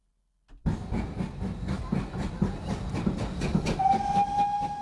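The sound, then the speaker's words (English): A steam train rumbles with a steady rhythmic chugging and clatter, then a long, high whistle sounds over the noise near the end. “Let's go back to the era of steam when rail was the only way to travel.”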